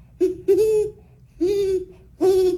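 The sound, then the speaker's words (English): A person imitates a great horned owl with a series of four deep, resonant hoots, a short one followed by longer drawn-out calls, fairly loud with no talking. “And what about the owl you mentioned? The great horned owl?”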